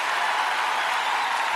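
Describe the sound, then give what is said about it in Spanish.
An audience applauding in a steady, dense wash of clapping that holds at an even, fairly loud level throughout, with no voices standing out above it. “Que tus aplausos digan muchas cosas.”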